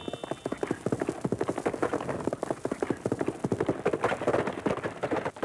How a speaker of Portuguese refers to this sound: o som de um cavalo a galope, muito usado em Jerônimo, o Herói do Sertão